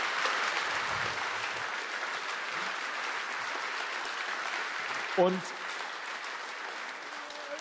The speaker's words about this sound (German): Großen Applaus nochmal. Danke.